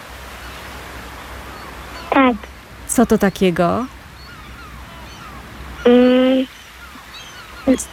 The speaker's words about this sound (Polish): Co tak szumi? Mewy. Mewy. I chyba coś jeszcze szumi.